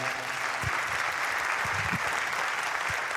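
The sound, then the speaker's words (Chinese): Steady, dense applause from an audience fills the whole stretch at an even level, a continuous wash of many hands clapping with a few low thumps underneath and no clear voices. “收到你的掌声了，谢谢，感谢。”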